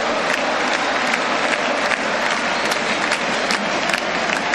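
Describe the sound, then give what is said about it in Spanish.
A huge crowd at the Monumental stadium applauds continuously in an ovation for Argentina's Otamendi, wearing number 19, as he leaves the field in an Argentina win. A dense, roaring wash of clapping and cheering stays loud and steady throughout, with no one speaking clearly above it. “Escuchá, escuchá la merecida ovación.”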